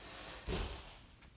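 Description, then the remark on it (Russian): A woman slams shut the door of Doctor Krechetov's house once with a heavy, low thud that quickly fades, followed by a faint knock-like tap moments later. “Почему она захлопнула дверь?”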